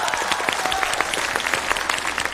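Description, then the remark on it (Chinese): An audience claps steadily, a dense patter of many hands with sharp individual claps scattered through it, holding at a fairly loud, even level for the whole stretch. “你好好看看，除了没鼓掌的都鼓掌了。”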